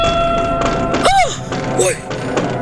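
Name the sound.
knocking on a window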